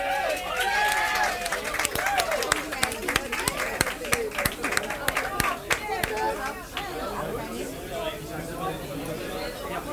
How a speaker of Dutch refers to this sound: Het is gericht aan alle mensen hier in de zaal. Geef ze warm applaus,